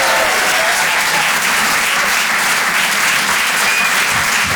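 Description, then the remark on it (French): Steady, loud applause from an audience at the Rire et Chanson Comedy Club after a comedian's set, a dense crackle of many hands clapping without pause, with a few faint cheers mixed in and no one speaking. “Faites du bruit, s'il vous plaît, pour Nikos sur les chansons.”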